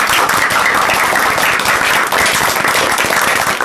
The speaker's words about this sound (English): So, a big round of applause for Team A.